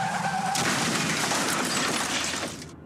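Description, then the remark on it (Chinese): A brief tire screech gives way to a loud car crash in a TAC drink-driving advertisement, with crunching impact and shattering glass that roars on for about two seconds before cutting off abruptly. “继续直行，可能就是一场危及生命的车祸。”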